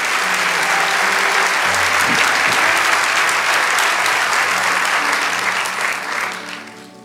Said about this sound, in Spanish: Vamos, dale ese aplauso al Rey de Reyes.